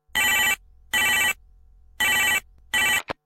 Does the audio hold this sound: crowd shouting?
no